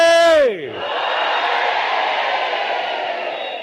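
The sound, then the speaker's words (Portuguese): At a rally in Mozambique, a single voice gives a short, falling call of "Moçambique", then a large crowd of men and women answers "oiê" with a loud, sustained shout that holds for several seconds before tapering slightly. “Vamos gritar todos, mas, por favor, mulheres, apoiem também os homens.”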